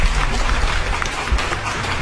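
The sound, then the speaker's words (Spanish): A steady wash of applause from a group, given for the morning's producer, with dense, even crackling claps sustained for about two seconds at a fairly loud level, with no clear voices over it. “Un aplauso, señor productor, para usted.”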